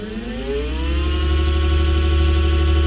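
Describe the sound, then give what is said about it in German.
A steady electric scooter motor whine with a low hum underneath, its pitch rising slightly as it speeds up and then holding level for a few seconds, on a footpath in Saxony-Anhalt, Germany. No voices are heard. “Es gibt eine neue Gefahr auf Sachsen-Anhalts Fußwegen und die kommt surrend daher.”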